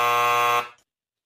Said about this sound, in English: I was going to say what TV judge. Then that buzzer came in.